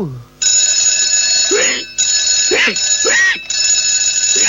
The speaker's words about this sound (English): Hey, what's going on here? It's only 2 o'clock. Why, that's no good alarm clock. Spoiling my rest.